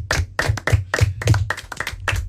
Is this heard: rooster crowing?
no